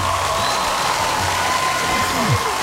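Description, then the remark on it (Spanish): A crowd applauds with dense, steady clapping that holds at an even loudness throughout, with a few faint voices and a brief whoop mixed into the noise. “Un aplauso.”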